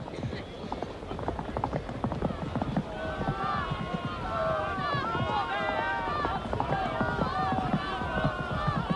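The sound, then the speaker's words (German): Rapid, thudding hoofbeats of racehorses galloping at the start of a horse race drum steadily throughout, joined midway by loud, excited crowd cheering and shouting that swells over the pounding rhythm. “Fortuna ist ein gutes Pferd. Na, wir werden es ja sehen und erleben. Da, es geht los!”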